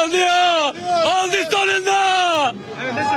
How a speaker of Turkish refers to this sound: Davul ve zurna eşliğinde halay çeken taraftarlar ellerinde takımlarının bayraklarıyla tezahürat yaptı.